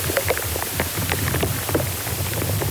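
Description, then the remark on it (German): Fluid moving inside a beech tree, recorded by microphones placed in the tree: dense, irregular popping and crackling, many tiny sharp clicks scattered over a steady low hiss and rumble, sounding almost like rain, with no voices. “Sie nehmen die Geräusche von Insekten im Baum auf, aber auch wenn zum Beispiel Flüssigkeit im Baum auf- und abfließt. Da hört man auch mal ein Ploppen oder Knistern.”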